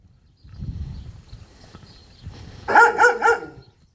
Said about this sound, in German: Ja, wachsame Hunde.